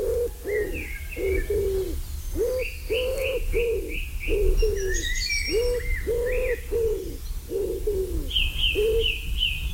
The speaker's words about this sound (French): Le pigeon ramier, la palombe, bien sûr.